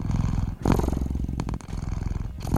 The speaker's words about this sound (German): Neben lautem Miauen, um wahrscheinlich auf den leeren Futternapf aufmerksam zu machen, geben Katzen dann auch gerne mal einen tiefen, vibrierenden Brummton von sich.